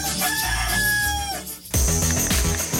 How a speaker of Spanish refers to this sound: El gallo, pues el gallo.